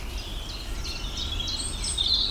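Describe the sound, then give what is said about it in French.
A European robin sings a thin, high warbling phrase of quick sliding notes over a low background rumble with no voices. “Rouge gorge là.”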